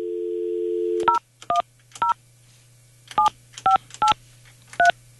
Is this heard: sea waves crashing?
no